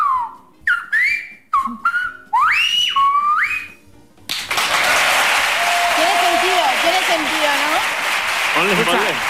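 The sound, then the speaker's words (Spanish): A whistled-language phrase: sharp gliding, rising and falling tones in quick bursts, then a burst of loud applause and cheering from a crowd that fills the rest. “entre silbadores expertos, no, nos podemos llegar a comunicar bastante bien”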